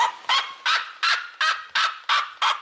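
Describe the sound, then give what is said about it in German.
A red-legged seriema gives a loud yelping call, about eight harsh yelps in quick, evenly spaced succession with no voices present. “Ja, die Rotfußserie Ma, also der andere sehr laute Vogel, der hat so einen jaulenden Ruf.”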